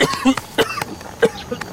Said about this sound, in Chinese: 这咳嗽还没好呢。 快了，大夫说，我再吃两天药就没问题了。